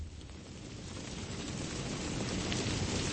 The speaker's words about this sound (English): Georgetown University, November 19th, 2015. Hundreds of eager students wait under umbrellas as rain comes pouring down.